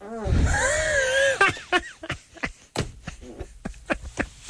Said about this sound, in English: A nice fart fly because Drew wanted to hear one.